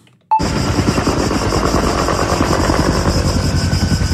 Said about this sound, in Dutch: En weet ik veel over bosbranden. Dat klinkt blijkbaar zo.